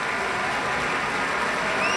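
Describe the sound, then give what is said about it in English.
A concert audience at a broadcast Pacific Symphony concert applauds Pablo Sanz Villegas after his encore, a jota written by Francisco Tárrega, many hands clapping in a dense, even wash of sound that holds its loudness throughout, with a faint rising whistle near the end. “More applause for Pablo Sanz Villegas.”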